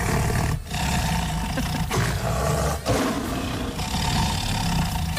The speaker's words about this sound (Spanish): Bueno, el sonido es el de un tigre.